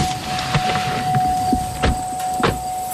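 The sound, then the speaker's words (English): Someone climbs into a pickup truck to go see goats at work, with several sharp thumps and clicks of the door and cab over a steady idling hum, with no talking. “we hop into a pickup truck to see some goats at work.”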